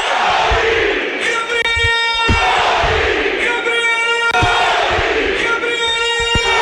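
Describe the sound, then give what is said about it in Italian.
The packed curva sud (south stand) of football supporters roars after Gori's equalising goal, shouting Gori's name in a loud, unbroken wall of shouting with sustained chanting tones rising through it in repeated swells and occasional sharp thumps. “L'esplosione della curva sud ve la lascio immaginare, facciamo fatica a sentire la nostra voce quando la curva sud urla Gori.”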